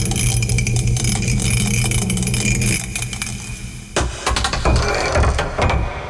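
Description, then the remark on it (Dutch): Dice rattle steadily inside the well-known mug for about four seconds, loud, then break off into a few sharper clattering knocks as they settle. They are thrown to pick the day's category, and the throw comes up 6. No one speaks. “We pakken de welbekende mok erbij en dan mogen we gaan.”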